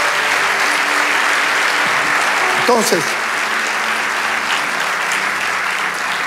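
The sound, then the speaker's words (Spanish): An audience applauds steadily in praise of God, a dense wash of clapping that holds at a constant loudness for several seconds, with a man's voice speaking one word over it. “Vamos, dale ese aplauso al Rey de Dios.”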